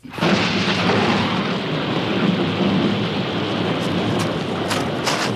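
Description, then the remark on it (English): A loud, steady roar of heavy rain and rushing flood water fills the whole stretch, with deep rumbling underneath and a few sharp crackling bursts toward the end, like thunder in a raging storm. “Almighty God, give us strength to escape this flood.”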